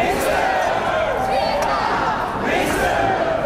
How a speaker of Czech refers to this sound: Alexandra Šupeniče na oslavách na Jakubském náměstí přivítali nadšené pokřiky a potlesk.